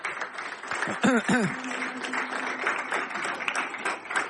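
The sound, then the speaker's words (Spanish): A crowd claps for Fidel in dense, steady applause for a few seconds, with brief cheers or shouts rising over the clapping near the start. “Un aplauso para Fidel, vale.”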